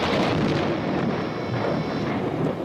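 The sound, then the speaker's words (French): A loud, sustained roll of thunder fills the whole stretch, a dense, heavy rumble with crackling texture that neither swells nor fades much. No voices are heard. It is a sudden thunderclap at the wedding of Louis X as shown in the 1972 series Les Rois Maudits. “Un coup de tonnerre éclata soudain, et comme il passait au doigt de Clémence un anneau trop large, la pluie se remit à tomber.”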